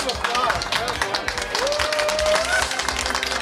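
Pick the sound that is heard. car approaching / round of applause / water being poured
round of applause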